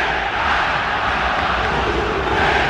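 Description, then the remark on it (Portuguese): A stadium crowd of Fluminense fans boos player John Arias as he leaves the pitch, also chanting insults at him: a loud, dense roar of many voices that holds steady without a break, with no single voice standing out. “Vaias ao John Arias, que vai deixando o gramado, e agora uma sonora vaia realmente, porque o torcedor vai cantando também, ofendendo o Arias com xingamentos.”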